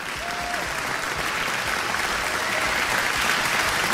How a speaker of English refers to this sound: Applaudisse, s'il vous plaît.